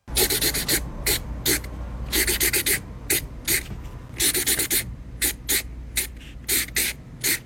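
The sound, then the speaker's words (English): A marker scratches across paper in quick, hissy strokes, bunched into uneven rhythmic clusters with brief pauses, scratching out a song for listeners to guess. No one speaks. “So he's scratching and on paper song, with a marker.”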